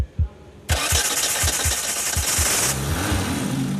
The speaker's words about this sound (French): Le moteur de 1400 cm3 va-t-il démarrer et donner vie à la GT ou pas? Fais voir. Prêt, démarre. Presque. On n'est pas loin, réessaie.